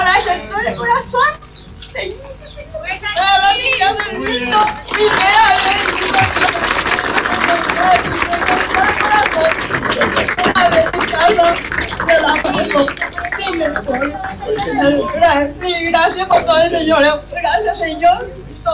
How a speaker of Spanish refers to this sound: Fuertes los aplausos.